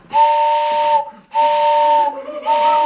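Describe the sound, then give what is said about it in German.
The pipes of a hand-cranked barrel organ sound three loud, sustained whistle blasts with a breathy hiss, mimicking a steam train whistle; each blast lasts about a second with brief gaps between, and no one speaks. “Und wenn man die zusammenspielt, hat man eine Eisenbahn.”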